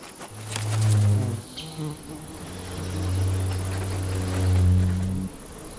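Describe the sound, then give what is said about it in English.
Ivy bees buzz steadily, a low droning hum that swells and shifts in pitch as they move about, with no voices, continuing for several seconds before stopping. “But there is a bee that has timed its entire life cycle around this event.”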